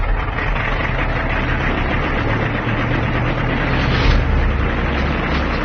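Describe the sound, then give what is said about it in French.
A propeller airplane engine roars steadily as the plane takes off at 1 a.m. on a full-moon night, a loud, dense drone with deep rumbling tones that swells slightly toward the end. No voices are heard. “À 1h du matin, par cette nuit de pleine lune, il est temps de décoller.”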